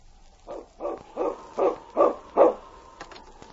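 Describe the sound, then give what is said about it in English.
A dog barks six times in a steady rhythm, each bark growing a little louder, with no voices over it. “Preston's going to keep that dog out of here from now on.”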